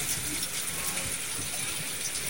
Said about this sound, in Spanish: ¿Logra distinguir algo? Lo que escucha no es nada, no es nada fritanga. Lluvia. Lluvia que va y viene.